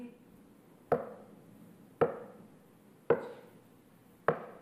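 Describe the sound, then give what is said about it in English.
Four firm knocks land at a slow, steady pace about a second apart, each a sharp thud with a brief trailing ring, over a faint low background murmur. “Knocking.”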